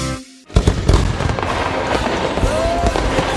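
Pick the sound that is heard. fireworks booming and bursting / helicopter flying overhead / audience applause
fireworks booming and bursting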